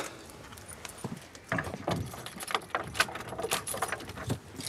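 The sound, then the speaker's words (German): Keys jangle and clink close by, mixed with rattling knocks and scrapes as a sticking door is jostled and pushed open; no one speaks. “Und die Tür klemmt ein bisschen.”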